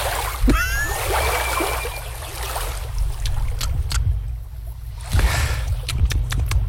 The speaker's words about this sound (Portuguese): Ele tá fazendo um bochecho com a água. Uma coisa que eu acho nojenta, né? Mas ele tá lá fazendo.